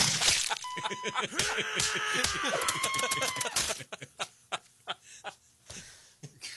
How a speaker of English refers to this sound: there's, like, sound effects on it and everything. I mean, it's Monkey Scott just smashing the equipment